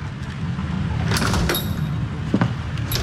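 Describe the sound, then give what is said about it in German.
A door slides open with a brief mechanical rattle and a faint high squeak as someone enters, set against a steady low rumble of background noise, followed by a soft thud as it settles. “Und als wäre das alles nicht genug, trat irgendwann die schlimmste aller Hexen durch die Tür.”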